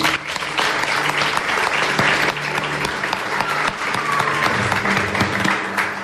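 An audience of more than seventy people at the Museu d'Història de Catalunya applauds loudly and steadily during the Ràdio Castellar history radio show Les Portes de Troia, a dense wash of hand claps filling all six seconds with no talking over it.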